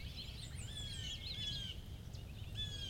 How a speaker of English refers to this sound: What's that? A blue jay.